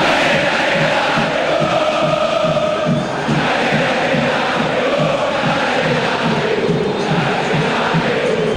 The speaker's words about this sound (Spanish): Y grita la gente, escuche la gente de Boca, escuche.